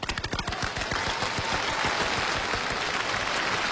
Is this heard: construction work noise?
no